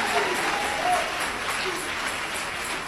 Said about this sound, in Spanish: Dale ese aplauso de alabanza a Jesús de Nazaret. Él es Rey de Reyes. Él es Señor de Señores.